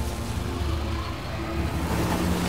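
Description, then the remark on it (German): A freshly washed car drives through a mud puddle, its engine rumbling low and steady beneath a broad wash of splashing, sloshing noise that fills the whole short stretch without pause. “Achtung, einmal durch die Schlammpfütze.”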